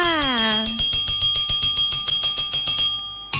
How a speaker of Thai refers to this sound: กดกระดิ่งเรียกซับกันก่อนนะคะ